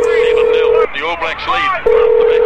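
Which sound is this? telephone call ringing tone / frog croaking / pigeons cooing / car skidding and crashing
telephone call ringing tone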